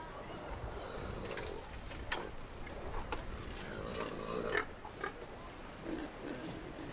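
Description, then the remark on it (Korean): Pigs grunt and snuffle in a pen at a house with a fish farm, with short irregular grunts and a few sharper squeals over a steady rustling background. “돼지우리도 있습니다.”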